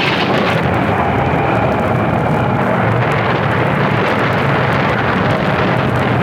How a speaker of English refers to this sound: That last lightning bolt hit us from the mizzen to the stern, Captain Stokes.